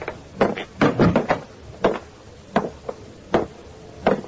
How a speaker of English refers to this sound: I went on to room 6, opened the door.